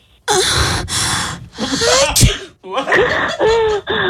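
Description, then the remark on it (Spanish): Several loud, congested sneezes burst out one after another with short pauses between, wet and nasal like someone with a head cold. No one speaks. “como que alguien estornudó. Identificó muy bien el sonido, porque en sí ese sonido fue con catarro.”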